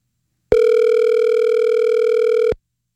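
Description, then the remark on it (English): A single steady electronic ringback tone sounds for about two seconds on a phone line as someone calls their own phone, clear and fairly loud, with silence before and after and no one talking. “Do I get voicemail for calling my own phone?”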